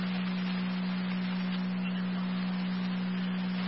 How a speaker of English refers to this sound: Fire control to Ransomville, your second set of tones, EMS at Heritage Manor, 3509 Ransomville Road.